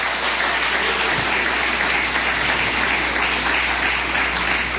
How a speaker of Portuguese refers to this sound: Só aqueles que têm a verdadeira paz, pode bater mais palmas, dar glórias.